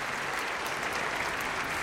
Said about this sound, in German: Applaus!